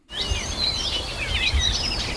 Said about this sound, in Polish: Jeszcze niezbyt jasno, tego śpiewu ptaków na przykład sprzed kilkunastu choćby dni nie słychać tak głośno, ale żeby Państwu nie brakowało, to proszę bardzo.